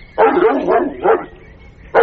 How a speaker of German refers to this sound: Warum bellt uns Sarah denn so? Sie jagt hinter einem Kätzchen her.